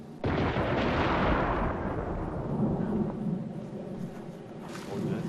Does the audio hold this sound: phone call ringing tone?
no